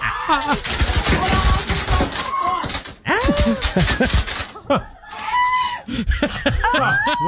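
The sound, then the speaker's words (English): Rapid, dense crackling and popping bursts from small fireworks on a birthday cake, going nonstop for several seconds, while people shriek and shout over the noise. “But this is the moment that the fireworks started going off there with the birthday cake.”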